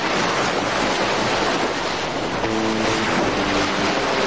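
Steady roar of ocean waves and surf at sea, where people live by fishing, loud, with wind buffeting the microphone and a faint low engine hum joining in partway through.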